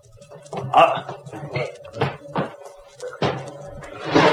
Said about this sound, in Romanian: Iaca, au zăvorât și ușa după noi.